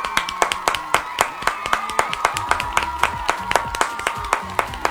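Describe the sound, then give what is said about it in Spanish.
Steady, rhythmic clapping from a small group, sharp, with faint voices murmuring underneath throughout. “Un minuto de aplausos, por favor.”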